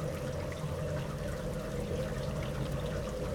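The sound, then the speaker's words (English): Heavy rain falls in June in Põlgaste, southeast Estonia, in a steady, unbroken wash of hiss with a deeper rumbling undertone, holding an even level throughout with no voices. “It's raining pretty hard here in Põlgaste, southeast Estonia.”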